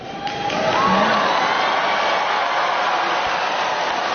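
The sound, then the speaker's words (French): A large crowd of American students roars and cheers continuously, acclaiming a speaker who spoke of the time before AI, a dense wash of many voices and clapping that swells within the first half second and stays loud and steady throughout. “La preuve, quand l'oratrice a parlé du temps où il n'y avait pas d'IA, la foule l'a acclamée.”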